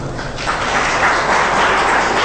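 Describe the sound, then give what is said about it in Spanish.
A crowd breaks into loud, sustained applause for the Lord, a dense wash of clapping that swells after the first half-second and holds steady to the end, with no voices standing out. “¿Cuánto puede dar un fuerte aplauso al Señor?”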